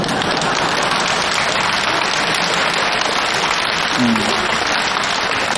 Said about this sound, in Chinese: 这回掌声就热烈了，大家伙也笑了，笑声就来自于我们的生活，生活当中无时不刻都充满了笑声